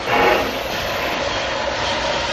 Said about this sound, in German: Nichts beflügelt meine Fantasie so sehr wie der Klang einer Dampflokomotive.